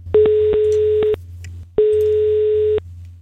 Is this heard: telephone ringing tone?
yes